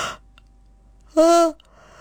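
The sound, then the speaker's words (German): A person yawns once, fairly loud, a drawn-out voiced groan lasting under half a second, after a brief breathy inhale and a quiet pause. “Also, Leute, merkt euch bitte, Gähnen ist kein Zeichen von Müdigkeit.”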